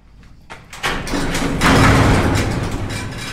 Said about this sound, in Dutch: Groot metalen hek.